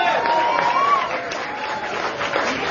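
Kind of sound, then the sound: crowd, audience clapping hands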